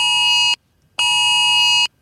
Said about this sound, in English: And then the sound just starts going off. Everyone's phone goes off.